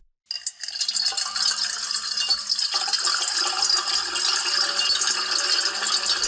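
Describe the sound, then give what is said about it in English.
Seven layered recordings of water pouring into a metal bowl at once make a dense, loud, hissing wash with metallic ringing and rattling. It starts abruptly after a brief silence and continues steadily. “So it will probably be seven times as soothing if we layer seven tracks of water being poured into a metal bowl.”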